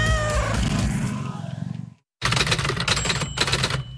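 A cat lets out a drawn-out, loud meow, then after a short silence a burst of rapid clattering, like typewriter keys, follows.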